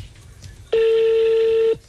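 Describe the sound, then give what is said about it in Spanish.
A telephone keypad tone as a number is dialed to call someone: one steady, loud electronic beep held for about a second, rising out of a faint background murmur and cutting off abruptly. “Llámela, pues dígale.”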